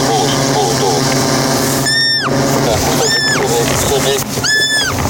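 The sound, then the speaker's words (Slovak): A roe deer fawn hidden in the tall grass of a meadow squeaks three times, each a short, high, piercing cry about a second apart, cutting through a constant rumbling background noise, as volunteers guided by a drone approach to rescue it before the meadow is mowed. “Prejdeme ešte pár metrov, dronista navedie, kam presne položiť podberák a už počujeme piskot srnčaťa.”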